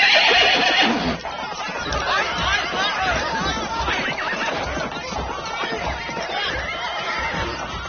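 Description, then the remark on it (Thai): A horse neighs loudly in a long, shrill whinny at the start, followed by a continuous rough, busy rush of snorting and shuffling movement that stays fairly loud throughout, as cavalry fight an army in battle. “นายทหารม้าพวกอาชาโภชาชนียะต่อสู้กับกองทัพที่6อย่างสุดกำลัง”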